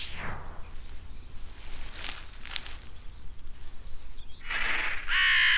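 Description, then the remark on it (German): Several loud, harsh caws of crows, black birds that often sit in large flocks on fields, ring out at irregular intervals, the last ones strongest, over a steady low rumble of background noise, with no talking. “Diese schwarzen Vögel, die häufig in großen Schwärmen auf den Äckern sitzen, werden oft mit Raben verwechselt. Es sind aber Krähen.”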